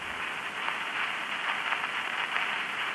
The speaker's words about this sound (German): Aber in der 255. Stunde gab es eine erste Veränderung. Das Rauschen steigerte sich.